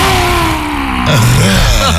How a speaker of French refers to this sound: On va inspirer par le nez et expirer fortement et dynamiquement par la bouche en tirant la langue. Comme ça, une dernière fois. On rugit.